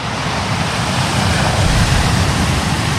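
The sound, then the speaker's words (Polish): Ocean waves wash onto the shore in a steady, loud roar of surf, with a rumbling low end and hissing spray throughout. No voices are heard. “Wakacyjne śniadanie mistrzów z szumem fal.”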